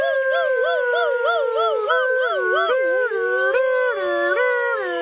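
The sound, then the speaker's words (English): Voices imitate a siren for emergency rescuers running toward a hospital, wailing up and down in a steady, wavering rise-and-fall, with more than one voice overlapping. The loud vocal warble continues throughout without any words. “But they did grab the other Razzleflabbin and run back to the village toward the hospital, making siren sounds with their voices.”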